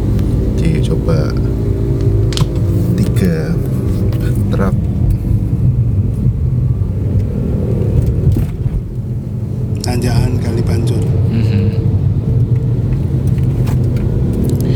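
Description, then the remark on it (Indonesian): A car rolls along a rough, cracked road at Kali Pancur in the middle of a city, its engine and tyre rumble heavy and constant, broken by occasional sharp clunks and rattles as it jolts over bumps. “ini berarti mobil-mobil pada rendet itu pada nganu truk”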